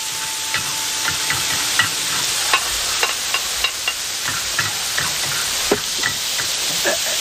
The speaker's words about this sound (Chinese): 那个羊肚丝已经下锅了，帮我去炒两下啊。